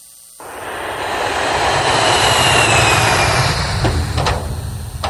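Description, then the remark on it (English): A loud airplane engine roar kicks in suddenly after a brief quiet moment and holds steady as a broad, rushing drone as the plane flies away, with no voices present. “I don't believe the plane and leave us.”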